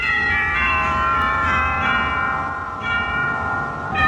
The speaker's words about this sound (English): First of all, what about the church bells? They sound as though... some very nice bells.